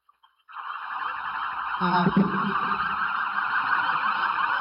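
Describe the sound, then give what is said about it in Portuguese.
Police vehicle sirens blare loudly and continuously after a brief quiet start, a steady high wail with a low engine rumble swelling briefly beneath it as the vehicles go by in a parade: Scientific Police vehicle 01 followed by the other vehicles of the Criminalistics and Forensic Medicine institutes. “Abrindo o Chile, a viatura 01 da Polícia Científica, seguidas as demais viaturas do Instituto CIML, sempre prontos para o atendimento à população, tendo como objetivo a produção das provas materiais para a elucidação dos crimes”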